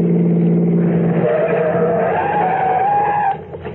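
Tires skid loudly as a car brakes hard, a long screeching squeal under the engine noise that cuts off abruptly as the vehicle comes to a stop.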